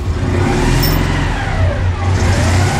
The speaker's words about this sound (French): Eh oui, les bruits de moteur, ça va bien chauffer, notamment sur l'autoroute